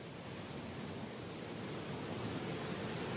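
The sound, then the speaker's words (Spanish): A stormy sea roars steadily against breakwaters at Santa Cruz, the main town of Flores, a dense, unbroken wash of churning water and spray that stays loud throughout, with no voices. “Los espigones son inútiles contra la furiosa tormenta. Es como si el mar enfurecido intentara tragarse Santa Cruz, la ciudad principal de Flores.”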